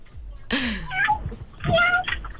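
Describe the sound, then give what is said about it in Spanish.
A person imitating a cat makes two short, high-pitched kitten-like meows, with a brief pause between them and faint background noise. “Sí, se oye un chiquillo.”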